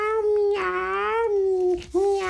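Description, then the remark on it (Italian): A voice mimics a cat's meow in one long, drawn-out, wavering call that rises and falls, fairly loud, with a brief break near the end before the meowing tone resumes. “Come mai miagoli?”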